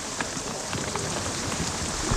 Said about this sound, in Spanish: Brutal. Si el granizo es muy fuerte. El granizo es muy, muy fuerte.